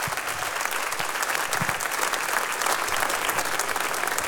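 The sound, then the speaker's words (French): A crowd applauds steadily, a dense wash of clapping hands that holds at an even, fairly loud level throughout with no pauses and no voices rising above it. The audience is applauding a jazz band and its guests on flute and vocals. “vous pouvez les applaudir encore une fois”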